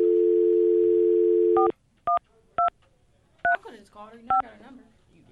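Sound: telephone keypad dialing tones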